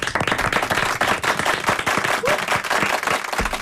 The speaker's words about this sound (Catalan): Doncs tu, aplaudim-la.